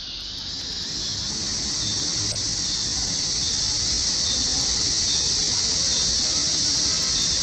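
Cicadas shrill in a dense, unbroken chorus, a loud high-pitched buzzing that holds steady for the whole stretch with no voices over it.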